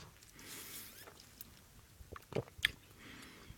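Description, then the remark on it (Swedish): Someone gulps down a mint cocktail made with kombucha from a tall green-striped glass, a few quiet, wet swallowing sounds and soft mouth clicks clustered together, with no talking. “Det är bara jag som hinkar i mig här.”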